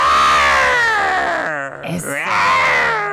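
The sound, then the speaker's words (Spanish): A person imitates the roar of the Queen Lioness at the red carpet for the 500th performance of The Lion King at Teatro Telcel, a loud, strained, sustained vocal cry that wavers in pitch, briefly dips and breaks midway, then swells again for about three seconds. “Te quiero dejar con el rugido de la Reina Leona.”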